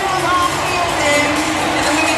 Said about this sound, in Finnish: Yleisö vähän kuohuu, kuuluu sellaista jatkuvaa kannustusta tuonne Hunter Brellin suuntaan, missä vain ryhmä meneekin.